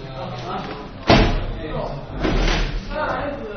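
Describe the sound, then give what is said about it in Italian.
Chairs being pushed together and stacked: one loud thud of furniture knocking together, then a scraping, shuffling stretch, with voices murmuring throughout. “Massimizzare lo spazio, compattare le sedie.”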